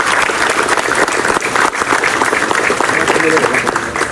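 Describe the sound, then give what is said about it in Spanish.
Loud, sustained applause from an audience, a dense steady clatter of many hands clapping for about four seconds, with faint voices mixed in near the end; the applause is called for by a speaker to honour his colleagues of the canton. “Por eso, quiero un fuerte aplauso para mis compañeros”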